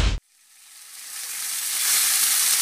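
Meat sizzling on a grill: a dense, crackling hiss that starts after a brief cut and steadily grows louder over a couple of seconds, with no voices.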